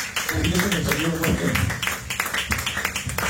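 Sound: audience clapping loudly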